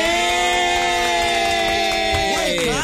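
A crowd cheers and applauds loudly and steadily over sustained, droning musical tones that bend in pitch near the end, for about three seconds without a break.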